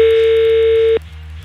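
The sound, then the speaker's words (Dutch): A steady electronic ringback tone of an outgoing call from Studio Brussel radio to a listener drones for about a second, loud and unbroken, then cuts off abruptly, leaving a quiet line hum behind it. “Maar wie heb ik zo meteen aan de lijn?”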